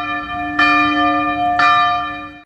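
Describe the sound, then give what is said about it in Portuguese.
Church bells ring out in two loud, resonant strikes about a second apart, each one's rich tones lingering and blending into a continuous shimmering hum. No voices are present. “Quando os sinos tocam, Bell Brook.”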